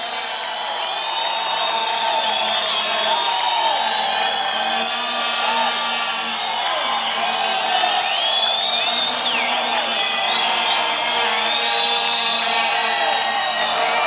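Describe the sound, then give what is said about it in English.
A large concert crowd at 2 a.m. cheers and applauds steadily as the band is called out for a last bow, with whoops and scattered yells rising over a dense wash of clapping that stays loud and unbroken throughout. “All right, let's hear it again, man. Let's hear it one more time.”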